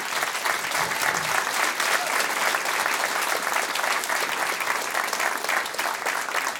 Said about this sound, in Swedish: Varm applåd